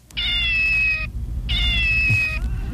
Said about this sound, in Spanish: Sí, mira, escucha a este gato.